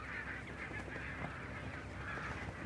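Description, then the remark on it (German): Thousands of barnacle geese grazing on protected pastures by the aircraft plant west of the harbour, at the end of summer, honk continuously: a dense chorus of overlapping yelping calls with no pauses, steady and moderately loud throughout. “Beim Flugzeugwerk westlich des Hafens äsen tausende Nonnengänse auf geschützten Weiden.”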